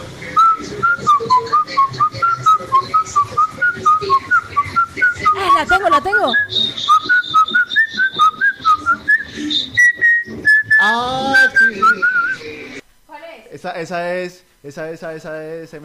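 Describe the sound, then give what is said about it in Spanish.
A female listener whistles a song melody in clear, stepping phrases for about twelve seconds, with chatter underneath, then the whistling stops and a few people talk. “No, pero mire que ahorita, escuchando bien el silbido de la oyente,”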